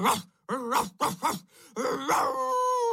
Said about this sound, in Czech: Tu se pes rozštěkal ještě víc, neboť poznal, že člověk je ze všech tvorů na světě nejsilnější a že se nikoho nebojí.